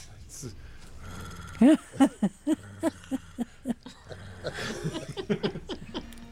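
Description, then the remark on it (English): A person imitates a cat purring with a series of about nine rhythmic, low voiced pulses, steady and moderately loud, followed by softer rumbling vocal sounds. “So I know that was good purring sound.”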